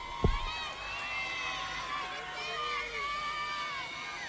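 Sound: audience applause and cheering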